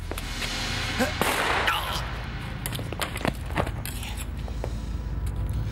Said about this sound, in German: Guter Schuss. Vorschriftsmäßig. Ich hätte ihn lieber woanders getroffen.